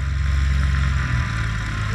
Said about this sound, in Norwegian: Du svarer traktor. Det dessverre feil. Det var et ettmotors propellfly.